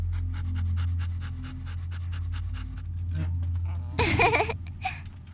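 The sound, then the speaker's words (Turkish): A dog pants quickly and steadily over a low hum, then a sudden louder, harsher burst of sound cuts in near the end. “Aa, onu burada bırakamayız ki, köpeği de almalıyız.”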